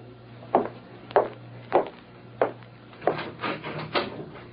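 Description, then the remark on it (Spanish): Four evenly spaced wooden knocks on a door, followed by a quicker, busier flurry of raps. Moderately loud over a faint steady hum, with no voices. “Llaman a la puerta”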